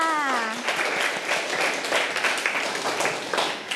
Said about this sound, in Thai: เอาละค่ะเด็กๆปรบมือให้กับตัวเองค่ะ